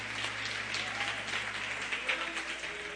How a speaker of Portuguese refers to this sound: Glória a Deus! Aplauda ao Senhor!